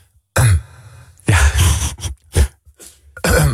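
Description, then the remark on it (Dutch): A voice imitates people coughing during a moment of silence, with several loud, rough coughs and throat-clearing bursts in an uneven sequence, without any talking. “altijd nog een paar mensen hoesten.”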